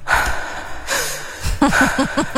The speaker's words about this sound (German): Erkennst du zum Beispiel dieses schwere Atmen, diesen, ich sag's wie es ist, diesen Stöhner?